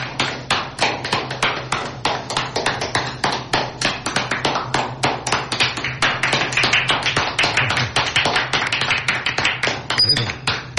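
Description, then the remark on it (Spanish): Loud, brisk applause: a small group clapping in a fast, fairly steady rhythm for about ten seconds without pause, with faint voices murmuring underneath, in a radio booth, applauding a donation from Megamart to the community. “Yo creo que merecen ese aplauso, el más grande de todos.”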